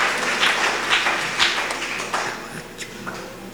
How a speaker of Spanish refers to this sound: Esos fuertes aplausos, hermanos.